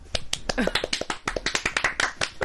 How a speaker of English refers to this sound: We're just going to start doing that now. Every time they shout out, I just clap. Anyone that texts, you're going to get a clap.